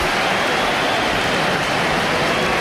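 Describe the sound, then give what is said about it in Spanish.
A large stadium crowd applauds in a loud, steady wash of dense clapping that holds evenly throughout, with no individual voices standing out. “hay aplausos para Hugo Duro, yo creo.”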